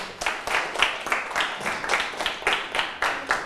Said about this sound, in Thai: ถูกต้องนะครับปรบมือให้เพื่อน